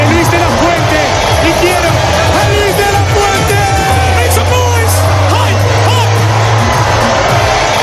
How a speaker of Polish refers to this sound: Na ulicach Madrytu trwa wielka feta po zdobyciu przez Hiszpanię tytułu Mistrza Świata. Złotych medalistów mundialu jadących odkrytym autobusem witają setki tysięcy kibiców.